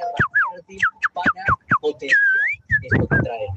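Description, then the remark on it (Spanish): A person whistles an imitation of a female canary in heat: a quick run of sharp, high chirps, a longer wavering whistled note, then a busy burst of trilling whistles. “Ese es un canario hembra en celos.”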